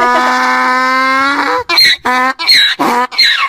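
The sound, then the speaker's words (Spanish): A donkey brays loudly, opening with a long drawn-out honking tone, then breaking into rapid, rasping hee-haw bursts that rise and fall several times before stopping. “Ay, no mames, no, hombre, pues si el burro anda bien alegre.”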